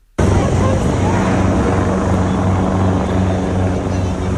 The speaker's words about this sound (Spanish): por las montañas y cuando llegaban incluso los helicópteros del ejército.